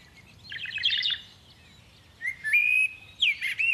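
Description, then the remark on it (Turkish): Bird chirping in two bursts: a rapid trill of high twittering notes, then a pause and a sustained whistled call sliding upward, ending with another quick flurry of chirps. “Bu kuş sesini siz de duydunuz mu?”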